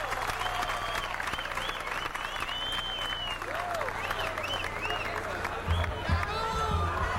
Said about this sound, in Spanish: Gracias por esos aplausos inmensos que no me los merezco.